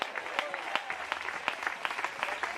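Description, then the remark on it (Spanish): An audience applauds the Lord steadily for a couple of seconds, many hands clapping together in a dense, lively patter, with a few sharper claps standing out. “Denle fuerte ese aplauso al Señor en esta hora.”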